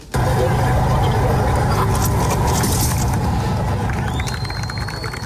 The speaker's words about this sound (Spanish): Ese golpe que precede a los aplausos es el sonido del derribo del último trozo de la barja que ha caído a medianoche en Gibraltar, fin a la separación del Peñón en un campo de Gibraltar, en un cambio histórico tras casi décadas de muro.